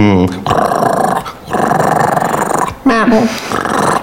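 A dog growls loudly in long, rough, rumbling stretches, broken by brief pauses, with a couple of sharper, higher yelping sounds at the start and near the end.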